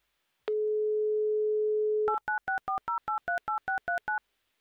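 A steady, low telephone dial tone holds for about a second and a half, then gives way to a quick run of about a dozen short two-note keypad beeps as a number is dialed. No one speaks.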